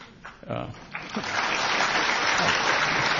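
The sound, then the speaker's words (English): A voice speaks briefly, then an audience at a book discussion event bursts into applause that quickly swells into a steady, dense wash of clapping and holds loud through the end. “They clap just by the title.”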